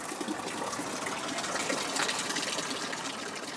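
A fountain splashes steadily inside a greenhouse of the Botanical Garden of the Faculty of Science, Masaryk University, in Brno, where a carnivorous plant sales exhibition is held. A continuous bright hiss of falling water with small irregular spatters, holding an even loudness throughout and with no voices.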